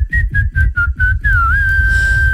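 A man from a team whistles the melody of a song by a well-known American female singer in a clear tone, with a series of short, bouncing notes before settling into one long sustained note, with low rumbling background underneath.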